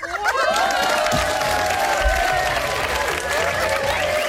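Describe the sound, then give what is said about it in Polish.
A burst of applause and cheering from a crowd, steady and dense throughout, with high whooping voices gliding over the clapping, played on a radio call-in show as a special surprise for a first-time caller. “Takie brawka, że udało ci się dodzwonić i odważyłaś się zadzwonić do nas pierwszy raz.”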